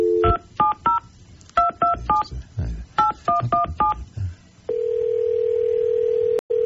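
A telephone number is dialed on a touch-tone phone to call someone who is on vacation: a brief dial tone, then ten crisp beeps in quick groups of three, three and four, followed by a long steady ringback tone.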